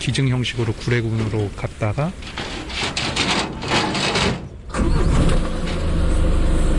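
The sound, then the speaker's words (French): Voices and a tonal call give way to a heavy truck engine turning over near the end, settling into a loud, steady low rumble; the truck is taking two bears, Dolly and Sunny, to the Gure sanctuary near Mount Gili national park in the south of Korea. “Après avoir été auscultés, Dolly et Sunny sont embarqués à bord d'un camion, direction le refuge de Gure, près du parc national du Mont Gili, au sud du pays.”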